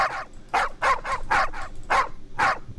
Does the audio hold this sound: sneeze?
no